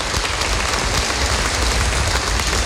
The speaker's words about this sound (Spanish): les pido un fuerte aplauso por estar presente.